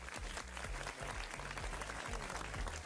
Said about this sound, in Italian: Facciamo un applauso a Christian Redox.